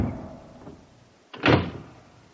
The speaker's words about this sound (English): But for some inexplicable reason, perhaps by a spring or a weight, the ponderous mass of oak whipped itself out of my fingers and clanked to with a formidable rumble and a noise like the falling of an automatic bar.